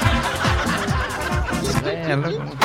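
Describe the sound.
A voice mimics a powerful car engine starting, with a run of rhythmic sputtering cranks followed by a wavering, revving hum, fairly loud, with a hint of laughter.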